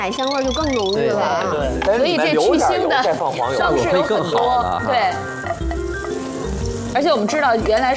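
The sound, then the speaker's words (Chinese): Butter sizzles and crackles as it melts in a hot pan, which was first heated with oil that was then poured out, for cooking a duck egg dish. A steady bright hiss runs the whole time beneath continuous talking by two people. “哦，对，我们要热锅凉油，这样避免这个鸡蛋的粘连，放一些黄油，这个也是帮助鸭蛋增香的。”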